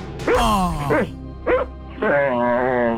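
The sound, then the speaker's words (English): Fergus the dog barks in the morning in a run of four loud, drawn-out, tonal barks that waver almost like howls, the last one held longest. “Actual sounds of Fergus this morning.”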